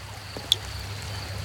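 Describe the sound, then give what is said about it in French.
A calm river bordered by trees and ferns flows peacefully with a soft, steady rushing murmur and a low rumble underneath, one small splash or click standing out briefly. No voices are heard. “Est-ce que tu entends l'eau de la rivière?”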